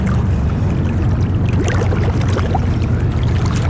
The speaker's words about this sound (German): Eine Taucherin in einem rot-schwarzen Anzug auf dem Boot macht sich parat und taucht ab.